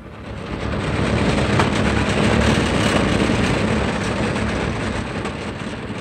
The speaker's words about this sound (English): The dilapidated truck sputtered along Highway 60 between Beaumont and Banning.